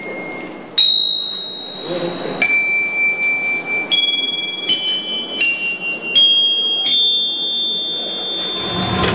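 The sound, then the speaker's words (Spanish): Small metal bells, a metal craft of the Kanazawa region, ring out in a loose, irregular series of bright strikes, each clear high tone lingering and overlapping the next, over a soft murmur of background noise. “Hoy en día, las campanillas son la atracción principal.”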